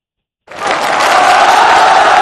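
Applause breaks out suddenly after a moment of silence, a dense, steady wash of clapping that stays loud and even to the end, with a faint crowd murmur underneath.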